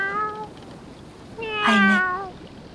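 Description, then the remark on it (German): A cat meows twice, a short drawn-out meow followed by a louder, longer one with a rising, wavering pitch, clear against a quiet background. “Eine Katze?”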